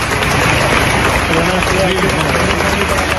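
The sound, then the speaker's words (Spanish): A large crowd of protesters applauds together at the end of a minute's silence held around an altar of flowers and candles in homage to a deceased woman, in front of her home. A dense, steady wash of many hands clapping, with some murmured voices mixed into the sustained ovation. “A su llegada a la fachada de la vivienda, donde se alojó durante 71 años, los manifestantes han celebrado un minuto de silencio alrededor de un altar de flores y velas en homenaje a la fallecida, que terminaba con este aplauso.”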